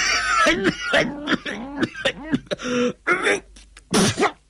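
An old man in a rasping coughing fit: a rapid run of hoarse, voiced hacks and throat-clearing bursts, uneven in rhythm and fairly loud, after which he spits up phlegm with blood in it. No other sounds behind.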